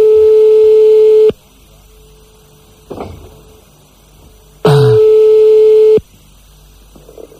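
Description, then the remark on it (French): A phone line's ringback tone on an outgoing call sounds twice, each steady, buzzy mid-pitched burst lasting just over a second, with a few seconds of quiet and a faint click between them. “On appelle des monsieur et madame la cloche.”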